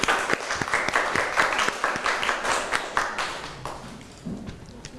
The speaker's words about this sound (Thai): ขอเสียงปรบมือให้กลุ่มที่3ครับ